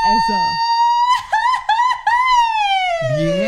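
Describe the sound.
A woman lets out a long, loud, high-pitched scream of fright, held steadily for over two seconds before sliding slightly downward, with brief talking just before and after it.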